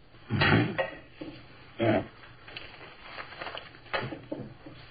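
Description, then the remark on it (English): Keys emptied from pockets clatter onto a tabletop in two loud jangling bursts, followed by a few softer rattles and shuffles as they settle, with no voices. “Keys.”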